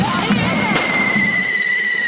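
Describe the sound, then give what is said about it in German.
Two sharp firecracker bangs in quick succession, then a steady high-pitched whistle from a firework at a correfoc fire run on an island, over a busy, noisy crowd-like background, all loud. “Es kracht und explodiert an allen Ecken und Enden.”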